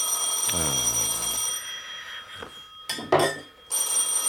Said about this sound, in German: Verdammtes Telefon.